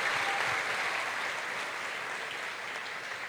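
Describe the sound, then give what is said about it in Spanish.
A crowd claps steadily for a few seconds, a dense, even wash of applause for a group of children that holds at a consistent level without pausing, with no one speaking over it. “Y el amor, un aplauso para ellos.”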